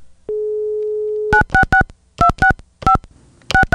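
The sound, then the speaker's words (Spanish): A steady dial tone hums for about a second, then a quick series of loud keypad beeps follows as a phone number is dialed to call a director of primary services, each a short dual-pitched tone, with several pressed in rapid groups and no one speaking. “Tengo el teléfono para marcar.”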